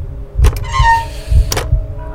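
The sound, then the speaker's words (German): An old, rusty iron door handle clicks and then lets out a short, creaking squeak, followed by another sharp metallic clack, with a low rhythmic thumping underneath, fairly loud. “Das rostige Quietschen erschien mir lauter zu sein als das Pulsieren meines Blutes, das mir durch die Ohren rauschte.”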